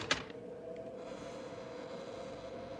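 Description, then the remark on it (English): A door latch of a ramshackle building clicks sharply as it's tried and opened, followed by a faint second knock, all over a steady, low mechanical rumble with no one speaking. “Let's try the door.”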